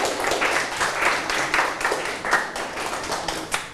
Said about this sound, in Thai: เก่งมากๆเลยครับปรบมือให้ตัวเองดังๆได้เลย